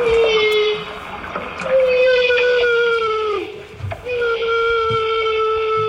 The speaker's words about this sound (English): These humpback whales are creating a bubble net to catch herring. Humpbacks are usually solitary creatures, but they come together to coordinate these hunts in Alaska.